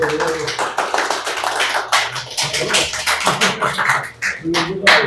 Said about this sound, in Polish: Słuchajcie, to są oklaski po cygańsku, bo nie wiadomo, czy wykład będzie, czy ta prelekcja będzie dobra.